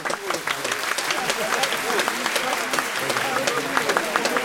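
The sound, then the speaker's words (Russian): A large audience of students gives sustained applause, an ovation for Röntgen before his lecture, a dense, steady wash of many hands clapping at once with no break, fairly loud, with faint crowd voices mixed underneath. “Овация продолжалась несколько минут, по окончании которой последовало очень сдержанное по тону, но ясное по смыслу лекция Рентгена с одновременной демонстрацией эксперимента.”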